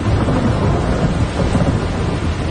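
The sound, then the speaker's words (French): A deep, continuous rumble of thunder rolls through steady heavy rain, loud and sustained for the whole stretch with no voices present. “Alors, je m'étais rangé, j'étais embarqué sur une île pour attendre la fin de la pluie. À l'orage, puis quand ça a été passé, elle a surpris le bateau pour retourner à mon camp.”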